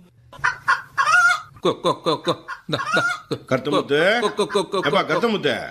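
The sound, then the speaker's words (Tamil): A person's voice mimics a rooster crowing, with a string of quick, loud calls and drawn-out wavering cries that run together with no pause. “சரி சரி, கொண்ட சேவல் கூவும் நேரம் குக்கு குக்கு குக்கு குக்கு குக்கு.”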